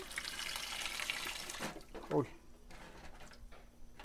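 Cold water pours in a steady rushing stream over pacayas for a second or two, then cuts off, followed by a brief clunk and quieter handling sounds.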